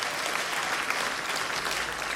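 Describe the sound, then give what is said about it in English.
An audience at a concert in Minneapolis claps steadily, a dense, even wash of many hands with no pauses or voices on top, holding at a constant moderate level throughout. They clap to show they have already heard the album. “Clap your hands if you've heard the album already”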